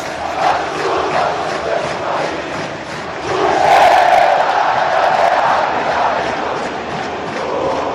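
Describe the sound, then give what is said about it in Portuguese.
A large crowd of Vasco da Gama fans in the stands at São Januário stadium sings the club's anthem together after the match, with the players on the field singing along, in a loud, sustained chant, voices blending into a dense roar that swells louder midway and stays strong to the end. “E a torcida aqui na arquibancada cantando o hino do Clube de Regatas Vasco da Gama.”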